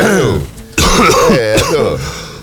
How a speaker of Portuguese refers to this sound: Vai botar o pó pra fora daqui a pouco. Tem que dar uma tossidinha, gente, pra limpar a goela.